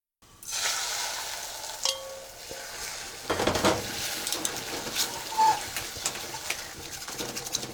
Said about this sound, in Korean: 냄비에다 달걀을 조금 붓고 온도를 체크해 봅시다. 소리를 잘 들어보세요. 은은하게 지글거리는 소리가 들렸는지요.